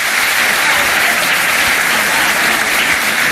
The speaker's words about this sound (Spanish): Primera ovación del discurso florentino cuando se refiere al caso Negreira.